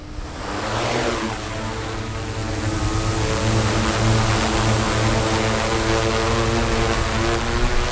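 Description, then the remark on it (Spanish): A four-propeller drone of the Pegaso drone unit spins up from the ground and lifts off, moving tens of meters away toward the riverbank as it climbs, its steady mosquito-like whining buzz layered with stacked harmonic tones that rise slightly in pitch, loud and continuous throughout, with no voices. “Ese es un zumbido casi como de mosquito, y ya ahora mismo está avanzando, se está alejando ya decenas de metros de donde estamos nosotros, subiendo casi a la orilla del río, y se está elevando para empezar a controlar esta parte.”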